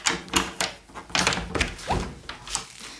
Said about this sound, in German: So, der Schlüssel ist draußen. Gut, dann schließe ich jetzt auf.